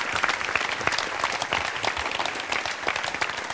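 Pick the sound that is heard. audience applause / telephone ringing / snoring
audience applause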